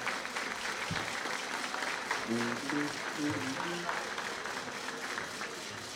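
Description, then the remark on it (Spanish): A crowd at the Expoferia Agropecuaria de El Progreso Pinos 2026 agricultural fair claps steadily and densely for the full six seconds, fairly loud, as a tractor is handed over. Faint voices and a few brief tonal notes come through underneath the applause. “Un aplauso, el aplauso para él.”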